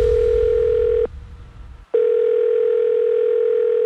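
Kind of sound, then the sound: signal or alarm, telephone line tone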